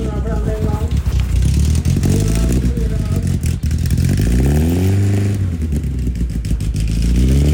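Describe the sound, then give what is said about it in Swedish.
Several loud folkrace car engines rumble and rev together during motor week in Lycksele, pitches rising and falling in repeated sweeps as they accelerate, with a rattling clatter underneath throughout. “Folkracebilar i fokus idag då det är stor motorvecka och alltså vilken otrolig stämning och gött folk det.”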